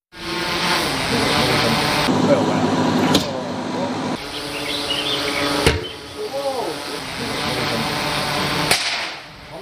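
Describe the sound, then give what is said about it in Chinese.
Three crisp, sharp impacts of metal arrows dropped by drone from 25 m, striking at uneven intervals a few seconds apart and piercing an 11 mm wooden board, 8 mm gypsum board and 1 mm iron sheet; each a brief loud crack over a steady hum with faint voices murmuring, in a Chun'an police and forestry bureau test. “随着三声清脆的响声，金属利箭从高空落下，将三种不同材质的物品全部贯穿，在场人员无不为之心头一震。”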